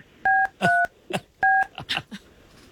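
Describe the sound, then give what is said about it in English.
Three short, clear telephone keypad tones beep in an uneven rhythm as someone dials a phone call, each a steady two-note chirp, with brief muffled voice-like sounds and clicks between and after them. “We're going to make this call”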